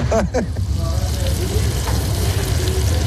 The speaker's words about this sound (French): On confirme les poitrines de porc. Hein. Poitrines de porc, ils sont en train de cuire. Okay. Pendant 7-8 heures, on va bien les faire confirmer.